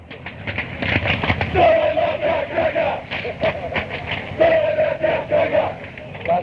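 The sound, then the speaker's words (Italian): A big crowd of Italian football ultras chants "Dove sono gli ultrà" in unison at the rival supporters, loud, a repeated sung phrase carried over a dense roar of many voices, swelling again partway through. “Dove sono l'ultra, questa si grida alla tifoseria avversaria quando loro non si presentano lì, o quando sono in pochi, o quando arrivano tardi, o quando non ci sono davvero.”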